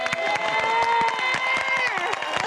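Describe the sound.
An audience at a stage play applauds after a song, with dense, irregular clapping, steady and fairly loud throughout, while a sustained tonal voice or musical note lingers over the claps.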